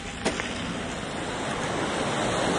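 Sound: river burbling and gurgling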